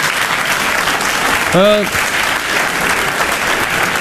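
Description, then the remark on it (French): Steady audience applause fills the whole stretch, a dense wash of clapping with a brief voice calling out over it midway. “Le public, il applaudit.”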